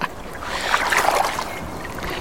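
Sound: boat on the water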